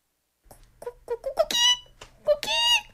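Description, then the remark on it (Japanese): At 6 a.m., a rooster crows loudly with no other sound: a few short, choppy notes build into a long, bright, strained cry, followed by a second drawn-out high call. “鶏も起きた、私も起きる、でも眠い。”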